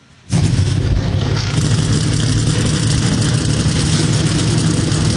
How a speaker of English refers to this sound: The command to fire engines has been given. The cars come alive down trackside. The New Way 225 for the NASCAR O'Reilly Auto Parts Series is about to go green.